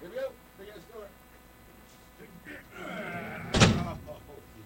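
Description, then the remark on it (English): A big, heavy door swings and slams shut with a single loud, booming thud near the end, following a stretch of muffled voices and background hum. “Big ass door.”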